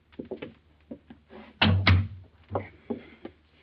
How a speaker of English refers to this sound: Yes. Open the door.